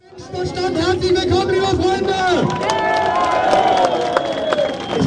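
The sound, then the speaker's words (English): A large crowd of hundreds roars and cheers continuously at an Alternative für Deutschland political rally in the town of Querfurt, Sachsen-Anhalt, Germany, a dense wall of voices with shouts and whistles rising over the babble throughout. “Crowd cheers at an Alternative für Deutschland rally in the town of Querfurt.”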